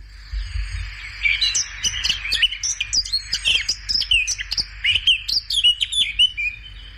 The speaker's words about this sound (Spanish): Se complica. Sí, sí. Eso parece una curruca capirotada. Pues ciertamente es una curruca capirotada.